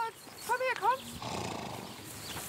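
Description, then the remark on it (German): A horse at a racehorse stud farm lets out a short, quavering whinny with a few rapid pitch wavers, then the call stops and a steady, muffled background murmur continues. “54 Pferde gehören zum Gestüt, 24 sind täglich im Training, werden fit gemacht für die Rennen in dieser Saison.”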